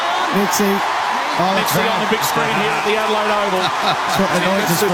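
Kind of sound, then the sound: crowd, stadium crowd cheering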